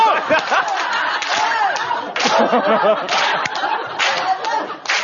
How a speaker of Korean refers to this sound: 해병대 박수.